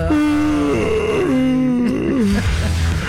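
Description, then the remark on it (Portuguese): A long, drawn-out human yawn made on purpose, loud, its moaning voiced pitch sliding and wavering before trailing off into a breathy exhale, with no talking. “Vou bocejar agora para ver se algum ouvinte”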